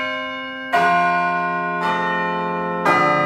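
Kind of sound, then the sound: signal or alarm, wedding bells ringing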